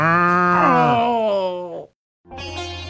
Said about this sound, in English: I think this cow likes me.